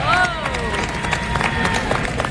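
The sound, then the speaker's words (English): A crowd at a Vaisakhi mela applauds the performers with steady, dense clapping throughout, opening with a brief high, sliding cheer and carried along by a murmur of voices. “And let's hear it for all our wonderful performers.”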